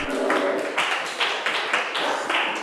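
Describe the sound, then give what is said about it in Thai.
A group of children in a class clap their hands together for a group of classmates in a steady, fairly loud round of applause, the claps overlapping into a continuous patter with no voices. “เก่งมากกลุ่มหนึ่งปรบมือให้เพื่อนค่ะ”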